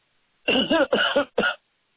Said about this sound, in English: Oh, excuse me, I had to cough.